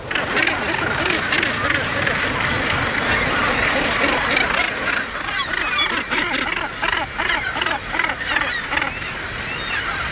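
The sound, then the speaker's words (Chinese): A dense, continuous din of harsh, grating calls from a crowded colony of gannets nesting near the Bass Rock in Scotland. Many birds squabble with neighbours over food and territory at once, their overlapping raucous cries rising and falling throughout. “翼龙无疑是在古代海岸线上成群结队的生活，生活在这样密集的群体中，无论是过去还是现在，都必然会引发各种冲突，就像这些唐鹅一样。”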